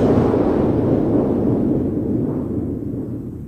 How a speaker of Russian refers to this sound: Вы не могли бы мне объяснить, что это за странные звуки? Ах, доктор, это пушки. Пушки? Пушки. А стреляют они, потому что оружейник Просперо повел сегодня народ, чтобы взять штурмом дворец трех толстяков.